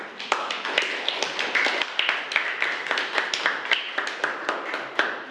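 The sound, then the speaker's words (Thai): A group of students claps together for the fourth group in a class, a steady patter of many hands with sharper individual claps standing out, at moderate loudness with no talking. “ค่ะขอเสียงปรบมือให้กับกลุ่มที่4ด้วยค่ะ”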